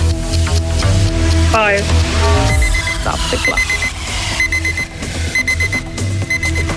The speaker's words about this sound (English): That's the clock.